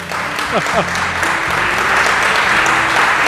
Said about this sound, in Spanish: El profesor se merece un aplauso.